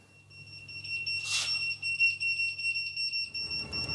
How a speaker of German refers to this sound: Alarm für die Ortsfeuerwehr Brinkum.